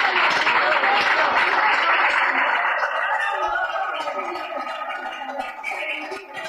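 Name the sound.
audience applause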